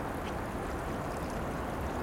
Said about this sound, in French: Partout, au cœur de la nuit, le bruit des petits torrents, de la rivière.